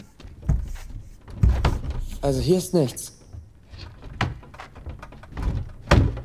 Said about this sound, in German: Aber sie sind mit Holz vertäfelt. Vielleicht kann man einige Bretter bewegen. Komm, wir klopfen mal alles ab. Vielleicht klingt etwas hohl.